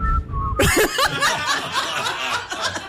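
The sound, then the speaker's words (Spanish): A person whistles two short, falling notes at the start, then a burst of loud laughter and chatter from several people takes over. “¿venía a chiflar?”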